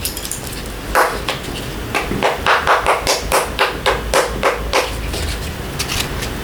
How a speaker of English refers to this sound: You'll notice I have chopsticks for striking things. You can also use pencils or pens or something from your kitchen.